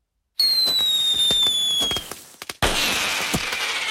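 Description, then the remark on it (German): Fireworks rockets go off for the 1 August celebrations in Switzerland: a high whistling rocket tone glides slightly downward over sharp crackling pops, then a loud burst leaves a dense, hissing crackle that carries to the end. “Es führen ein paar Raketen oder bengalische Zündhölzchen.”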